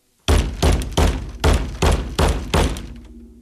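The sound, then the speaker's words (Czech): A plastic tub, used as a footrest at a piano, thumps down on a person's head seven times in a steady, quick rhythm, each hit loud and hollow, with a faint low hum lingering after the last blow. No voices. “Jednou jsem dokonce od ní dostal po hlavě umělohmotným škopkem, kterým jsem měl podloženy nohy. Znělo to zhruba takto.”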